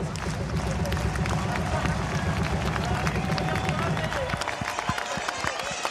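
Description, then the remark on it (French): A large crowd claps and cheers loudly for the marshals in a dense, steady roar. The low rumble fades near the end, leaving scattered claps. “Et j'aimerais qu'on leur fasse un tonnerre d'applaudissements. Et on va faire une hola, non, les commissaires? Et on va applaudir.”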